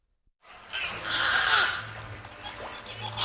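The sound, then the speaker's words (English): Two rescued beluga whales, Frankie and Bertie Botts, in the beluga habitat at SeaWorld San Antonio, chirp, whistle and click in a dense, overlapping chorus of high, squeaky, bird-like calls with sliding pitches, carried over a steady low rumbling hum for about three seconds. “Chirps, whistles, and clicks fill the beluga habitat at SeaWorld San Antonio, where two rescued whales are settling into their new home.”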